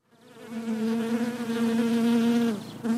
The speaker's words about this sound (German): Im Bienenstock herrscht emsiges Treiben. Im Gewusel werden Waben gebaut. Perfekte Sechsecke aus Wachs, gefüllt mit Honig.